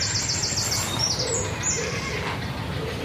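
nesting birds calling

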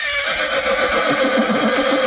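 friesian horse neighing

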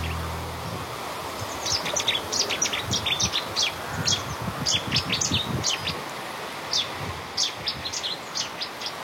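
cetti's warbler singing

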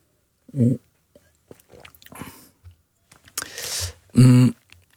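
sipping and swallowing water

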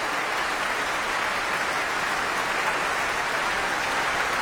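concert audience applauding orchestra

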